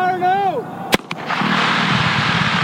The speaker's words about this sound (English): The blast is one of the more exciting moments in this project